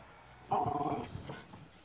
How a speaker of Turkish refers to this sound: Yaramaz şey. Havlamayı kes, tamam mı? Babaya gel ve otur. Otur bakayım. Otur.